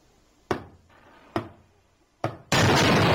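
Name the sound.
knocking on a door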